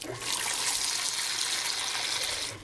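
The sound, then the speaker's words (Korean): A faucet at Mireuksa temple on Geumjeongsan mountain runs steadily with a bright, continuous rush of water that holds for a couple of seconds, fairly loud, with no talking over it. “떠서 아니 여기 수도꼭지를 틀면 물이 저절로 옵니다.”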